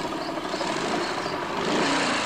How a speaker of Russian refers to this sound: Над лесом пролетает вертолет.